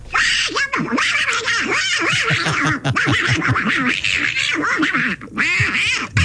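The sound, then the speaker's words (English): An angry Donald Duck-style cartoon voice squawks and sputters nonstop, a loud, raspy stream of garbled quacking chatter with rapid pitch jumps, a human voice imitating a furious duck. “It's Donald Duck angry.”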